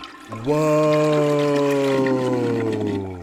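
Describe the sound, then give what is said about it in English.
A loud toilet flush sound effect: rushing, swirling water with a hollow resonant tone that slowly drops in pitch, lasting about three seconds with no voices. “Okay, someone needs a big flush here, so okay. Get your hand on the lever.”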